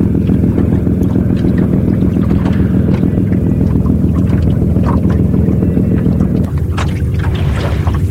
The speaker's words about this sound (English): There's a lot of lobster pots out here and lobster boats, as you can hear.